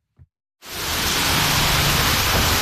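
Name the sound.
heavy pouring rain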